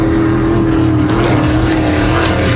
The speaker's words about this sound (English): This September, the golf turns into a racetrack. The X Insurance Clearwater Offshore Nationals, September 25th through the 27th on Clearwater Beach. 90 race boats, over 140 miles an hour. Close enough to feel it.